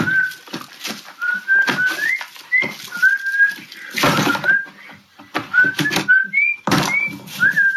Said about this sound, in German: der ein Video hochlädt, in dem er nach diesem Song Kanyes Yeezys in den Müll schmeißt und dabei pfeift. Das ist schon witzig.